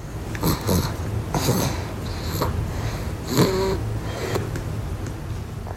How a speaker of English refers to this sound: And we're going to have a little bit of this sound. If you're very quiet, you might be able to hear this sort of baby snoring here.